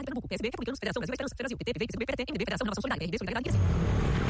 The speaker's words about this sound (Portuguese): Amor, ouviu essa moto? Deve ser um entregador. Mas a gente não pediu nada. E daí? E daí que pode não ser um entregador. E se for outra pessoa?